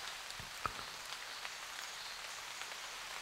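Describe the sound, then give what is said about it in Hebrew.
Steady rain pours down with a dense hiss, broken by a few sharp drips and taps, including drops falling from leaves. No voices, just the continuous wash of rainfall. “הנה הגשם.”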